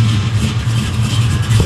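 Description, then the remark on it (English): An old jalopy car's engine runs steadily at idle, a loud, rough rumble with a throbbing low hum and a hissy mechanical rattle, with no voices. “Let's go hear the jalopy sound.”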